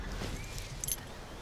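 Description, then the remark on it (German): A brief metallic jingle of a lost key as it is found, like keys shaken once, rings out near the middle against a low rustling background. It is quiet, with no talking. “Ein Schlüssel? Nicht ein Schlüssel, mein Schlüssel.”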